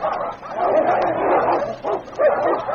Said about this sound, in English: It was a battle of the mighty. Dogs and women stood about in a great circle, watching, waiting breathlessly for the kill. Then they saw the flashing fangs of the great dog king strike home, not in the throat, but back of the pointed ears of Pooka.